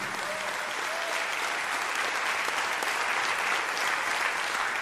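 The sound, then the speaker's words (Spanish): A church audience applauds the Lord steadily, dense clapping from many hands filling the room at a constant, fairly loud level for several seconds, with no clear voices over it. “Si le va a aplaudir, aplaude al Señor todos con el corazón.”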